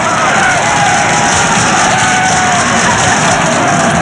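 A large crowd applauds loudly and continuously after a speech, a dense wash of clapping with some cheering mixed in, filling the whole stretch without letting up.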